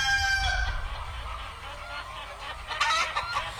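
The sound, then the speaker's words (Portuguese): A rooster crows, a drawn-out harmonic call at the start, followed by a hen clucking and squawking against a steady low rumble of background noise. “O galo já cantou e a galinha tá cantando.”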